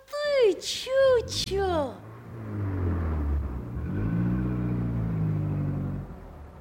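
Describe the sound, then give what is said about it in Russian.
A few quick squealing chirps give way to a car engine that rumbles low, then revs up and accelerates with a rising, steady drone, moderately loud. A father is driving with his son on a narrow road, speeding up from 60 to 70 km/h. “А зачем Чучо ездит на машине?”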